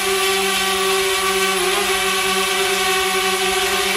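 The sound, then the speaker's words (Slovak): A drone buzzes steadily in flight, a loud continuous whine with a high-pitched motor hum that holds nearly unchanged throughout, with no voices present. “No a áno, ten prvý je včelí, ten druhý je dron, takže niektorí z vás tipovali dokonca aj elektrické auto.”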